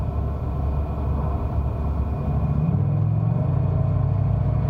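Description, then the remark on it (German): A car engine rumbles steadily, then its pitch rises partway through as the vehicle pulls away, a low continuous motor drone with no voices. “Er steht auf und geht zu seinem Wagen.”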